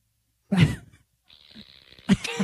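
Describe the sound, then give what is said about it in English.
A fart machine sound effect goes off as a short, raspy low burst, followed by a thin, steady hiss and then another sputtering blast, fairly loud with no one talking. “That's why you use your fart machine a lot.”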